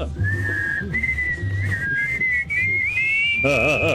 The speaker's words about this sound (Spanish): bonito que suena ese silbido.